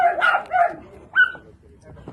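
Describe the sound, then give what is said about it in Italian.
Several dogs, among 38 locked in a derelict building in Eboli, Italy, bark in quick, overlapping bursts, followed by a single high-pitched yelp, then fading noise. The barking is loud, with a chaotic, clustered rhythm. “Il verso si fa sempre più forte man mano che i carabinieri e le guardie zoofile si avvicinano.”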